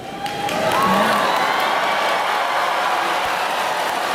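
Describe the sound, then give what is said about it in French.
A large crowd bursts into sustained applause and cheering, swelling quickly and holding steady as a dense wash of clapping and shouts, with a faint whistle near the start. “La preuve, quand l'oratrice a parlé du temps où il n'y avait pas d'IA, la foule l'a acclamée.”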